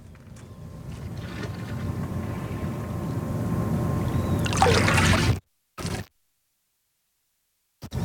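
Sea water laps and sloshes steadily against something at a campsite in Ankaran, with a brighter splash near the end before the sound cuts out abruptly, leaving short silent gaps.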